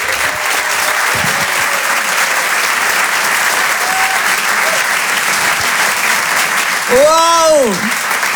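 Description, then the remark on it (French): A loud, sustained burst of audience applause for Reda Siddiqui, dense and steady throughout, with cheering and whoops rising over it and a sharp rising-then-falling whistle near the end. “Je vous demande de l'encourager, de faire un maximum de bruit, un tonnerre d'applaudissements s'il vous plaît pour Reda Siddiqui.”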